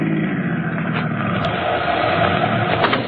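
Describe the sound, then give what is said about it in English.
A car's engine rumbles steadily as the vehicle pulls over and comes to a stop, with a constant low road drone and no voices. “Just stop the car and let me out.”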